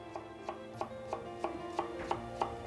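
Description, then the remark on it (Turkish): A knife chops one onion on a cutting board in steady, evenly spaced strokes, about eight clear taps, with a soft hum of kitchen background underneath. “Şimdi arkadaşlar bıçağımı belirledikten sonra soğanlarımı doğramaya başlıyorum.”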